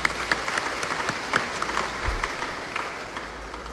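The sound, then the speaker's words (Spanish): A church audience claps hands for the Gospel in a steady, dense patter of many overlapping claps at a fairly even level, with no voices audible. “palmas al Evangelio, hermano.”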